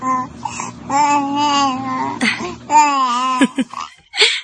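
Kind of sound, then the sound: human body sound, baby babbling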